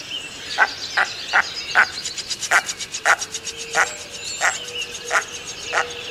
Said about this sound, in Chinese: 那繁殖季的时候呢，雄鸟会发出比较奇怪的这个 Wiga 的这样的叫声 的声音哦。那我们 再来听听， 我们来听听它的那个叫声 Wiga Wiga 的叫声。